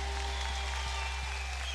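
Faint audience applause for a band, a dense wash of scattered clapping that stays steady throughout over a constant low electrical hum, with no voices.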